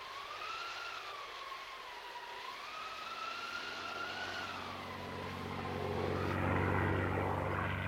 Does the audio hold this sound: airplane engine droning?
yes